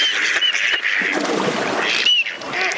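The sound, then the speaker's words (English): Mallard drakes give short whistles and grunt-whistle courtship calls to attract a female, performed in groups of competing males, amid a dense chorus of other ducks, with bright whistle notes standing out over the continuous quacking and splashing. “Maybe a head shake, a grunt whistle, and a tail shake, or perhaps a little bob in the water, followed up by a whistle call.”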